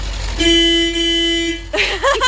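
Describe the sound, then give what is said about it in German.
A child presses and holds the horn on a tractor's steering wheel, and it sounds one long, steady, loud honk, holding a flat tone for over a second before cutting off, after which a child's voice begins talking. “Die Hupe ist aber wirklich ganz schön laut, Opa.”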